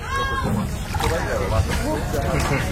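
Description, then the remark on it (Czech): A boat motors from the shore of Limassol, Cyprus, about 10 kilometres out onto the open sea for freediving, its steady engine rumble mixed with constant rushing and sloshing of waves, loud throughout, while a voice talks over the noise. “nasedáme do člunu, který nás od břehu kyperského města Limassol veze asi tak 10 kilometrů na volné moře.”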